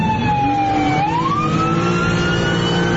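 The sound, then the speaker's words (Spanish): A loud ambulance siren wails, its pitch dipping and then sliding slowly upward over a low engine rumble, with no voices; the ambulance has lost a tyre and can no longer move forward. “Aquí el momento en que esta ambulancia ya sin una llanta ya no puede avanzar y el motociclista le pide que descienda a este conductor.”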